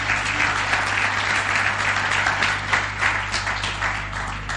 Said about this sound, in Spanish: ¿Quieres darle un aplauso al Señor? Dale un aplauso grande a tu Dios.